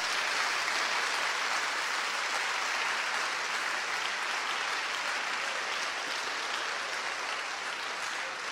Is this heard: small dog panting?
no